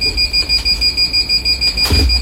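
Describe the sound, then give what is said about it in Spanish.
An alarm ringing steadily with a high, piercing electronic tone, pulsing in a fast regular rhythm. It stays loud and continuous throughout, with a brief rustling thump near the end and no voices. “Oh, de nuevo, la alarma.”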